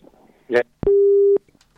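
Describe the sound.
A loud, steady telephone busy tone sounds once for about half a second, a flat electronic beep, as a call cuts off because the caller's phone ran out of credit, with faint muffled voices and a short burst of noise just before it.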